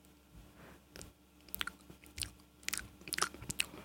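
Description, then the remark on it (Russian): Someone chewing and biting food, with irregular crisp crunches and wet clicks that come more quickly toward the end. Soft overall, with no talking. “Кого жрёшь?”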